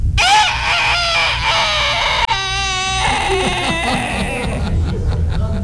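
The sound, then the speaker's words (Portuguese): A man's voice imitates a rooster's crow with strained, wavering harmonic calls, loud over a steady low crowd murmur in an auditorium. “Como é que o galo canta”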